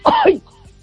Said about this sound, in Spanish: que tengo mal la tiroides y me hace toser mucho.